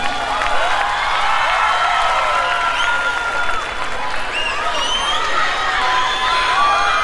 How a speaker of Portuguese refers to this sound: Aplaudi, vai, vai, vai.